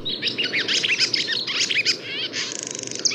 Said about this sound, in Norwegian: Heldigvis så skal vi få lov til å ha lovesvala i stund til. Og hun kvidrer og heller stemningen oppe sånn at vi kan føle meg hele sommeren enda.